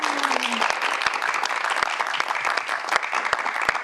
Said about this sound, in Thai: ขอเสียงปรบมือให้กับทั้งสองคนด้วยนะครับ